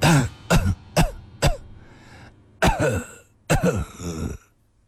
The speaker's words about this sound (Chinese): 喘息着，又咳嗽了起来。